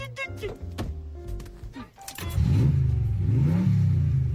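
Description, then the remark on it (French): Voices and a couple of dull thunks give way to a six-wheel-drive car's engine roaring, revving loudly in rising, surging sweeps that fill the second half. “Il y a un tigre dans le moteur.”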